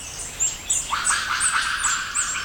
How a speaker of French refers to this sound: J'entends un cri aigu qui semble se déplacer au-dessus de ma tête. Un oiseau ? Enfin, je n'ai pas l'impression que cette bestiole vole, mais plutôt qu'elle se déplace dans les arbres. Avec ses petits cris aigus, ça ne peut être qu'un singe.